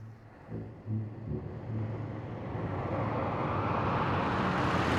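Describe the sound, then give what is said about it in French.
The engine of a large convertible Cadillac rumbles low at first, then a broad rushing roar swells steadily louder as the car approaches and stops on a road. No one speaks. “Heureusement, après quelques minutes, une grosse voiture décapotable s'arrête à leur hauteur.”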